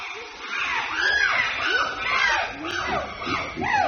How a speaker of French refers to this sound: au milieu de tous ces chimpanzés. On l'entend, c'est très sonore.